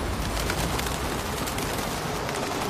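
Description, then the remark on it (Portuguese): Pigeons coo softly amid a steady, busy outdoor ambience, their low murmuring calls blending into the constant background noise of an open public square. “Os pombos têm a habilidade de aprender a memorizar rostos humanos, especialmente os que lhes dão comida.”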